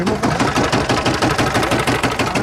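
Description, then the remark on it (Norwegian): A German Hatz diesel engine is started up and runs loud and steady, with a rapid, even chugging knock. No voices are heard over it. “Vi starter opp en til her, skal vi se på hva det er da?”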